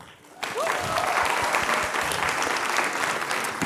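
An audience breaks into steady applause after a brief quiet moment, many hands clapping densely and continuously at a fairly loud level for several seconds.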